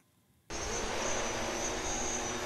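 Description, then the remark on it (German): After a brief quiet moment, a delivery drone from St. Josef hospital in Essen, NRW, suddenly spins up into a loud, steady whirring roar with a high whine. It sustains as it takes off carrying patient blood samples to a medical lab 8 kilometres away. No voices. “Mit lautem Getöse macht sich das neue Transportmittel auf den Weg.”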